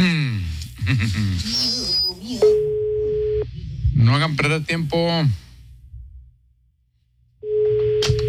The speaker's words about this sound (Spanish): Está sonando, ¿verdad? Está sonando. Está sonando el teléfono ya.